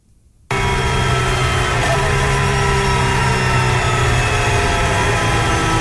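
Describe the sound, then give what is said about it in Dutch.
A Formula 1 car engine cuts in abruptly after a brief silence and runs loud and steady as the car rolls into the pit lane of a semi-street circuit, a dense mechanical roar with a constant pitch and no voices. “Even luisteren wat er met Colapinto gebeurt. Hier werkt hij nog. Hier werkt hij niet meer.”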